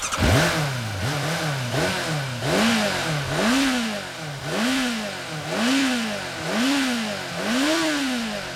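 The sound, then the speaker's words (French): A motorcycle engine revs over and over in a steady rhythm, each rev swelling up and dropping back, loud with a rough clattery edge, no talking. “Je fais rugir mon moteur!”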